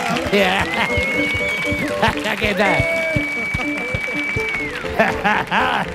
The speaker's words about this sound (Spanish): Fuerte el aplauso también